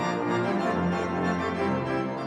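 A church organ in the church in Emsteckerfeld plays film music in full, sustained chords, rich with layered harmonics and holding a steady, loud level throughout, with no voices over it.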